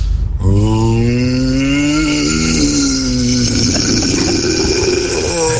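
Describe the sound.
A radio listener's voice lets out a loud, raspy rock-style growl, one sustained rough roar lasting about five seconds with its low pitch wavering and sliding slightly, with no other sounds.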